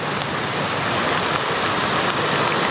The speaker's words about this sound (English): The winds and rain are really picking up.